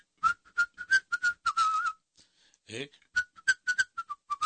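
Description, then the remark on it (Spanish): A short, jaunty whistled tune in quick, choppy notes, fairly loud, with a brief breathy pause midway before the melody picks up again, whistled by someone as they walk away. “Así se va uno mejor chiflando.”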